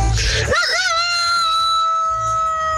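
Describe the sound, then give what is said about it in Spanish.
A person imitates a rooster's crow: a loud, drawn-out vocal call that rises with a wavering break and then holds a long steady pitch, with no other talking. “¡Oye, qué buen gallo!”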